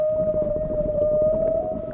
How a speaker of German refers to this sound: Das sind Wale. Die können so singen. Ja, und so unterhalten sie sich über weite Strecken miteinander.